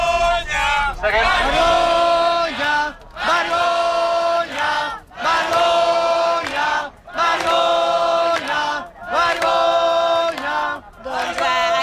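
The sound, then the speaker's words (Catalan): A large crowd in a square chants "shame" ("vergonya" in Catalan) in loud unison after Junts per Catalunya announced it would vote against both decrees. The shout repeats in a steady rhythm roughly every two seconds, with brief dips between each cry. “Precisament aquests crits de vergonya que us estàvem explicant és el que més s'ha repetit després d'aquest anunci.”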